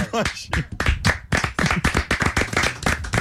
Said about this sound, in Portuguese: Muito bom, uma salva de palmas.